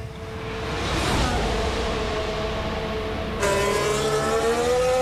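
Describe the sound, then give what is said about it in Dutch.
A Formula 1 car driven by Bottas heads out of the pits on medium tyres, its engine screaming as it accelerates, pitch climbing through gear changes with a sharp upshift midway, loud, with no voices. “Ja, dan volgen we Bottas maar op de mediums naar buiten.”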